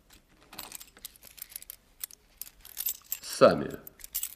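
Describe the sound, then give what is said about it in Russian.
Keys jingle and clink in a rapid scatter of small metallic clicks as they are taken out, followed by a heavy metallic clunk near the end as a safe's lock is turned and released. “А теперь вы достанете ключи, откроете сейф.”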